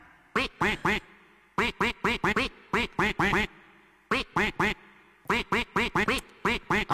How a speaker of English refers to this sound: Right, the duck is gonna quack a melody. You have to guess what the song is.